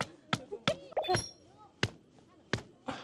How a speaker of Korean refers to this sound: 돌 망치질로 튼튼한 천막이 완성됐습니다.